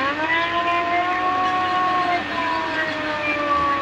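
A mechanical, non-electronic air-raid siren winding up: a loud, steady wail with layered harmonic tones holds for a few seconds, dipping slightly midway before sustaining again; no speech over it.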